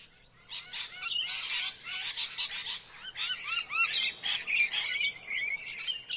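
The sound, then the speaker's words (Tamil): Many birds chirp and tweet busily on a street in Kaniyampoondi, Tiruppur, overlapping high calls and trills filling the whole stretch, lively, with a faint low background hum and no talking. “தெருவில் பாடல்களும் பறவைகளும் பாடல்களும் என வலம் வந்து கொண்டிருக்கிறது.”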